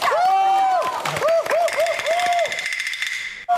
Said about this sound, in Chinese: 来点掌声鼓励鼓励。